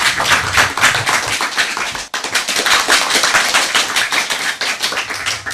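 A group of children clapping loudly and steadily, a dense patter of many hands that briefly drops out midway before resuming just as strong, with no one speaking.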